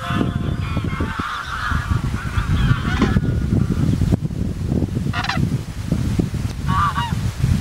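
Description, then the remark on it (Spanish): A flock of geese honks continuously over a steady low rumble of wind at the Laguna Salina Grande observatory, Otero de Saregos, one of the Villafáfila lagoons in Zamora province, Spain, with overlapping calls and a few sharper honks standing out; no one speaks. “Aquí está el observatorio de la Laguna Salina Grande, uno de los puntos desde los que se pueden observar a las aves, que en esta época del año permanecen en las lagunas de Villafáfila.”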